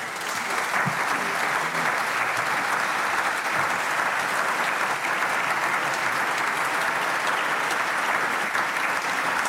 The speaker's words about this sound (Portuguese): Aplausos da bancada do PS e do PSD.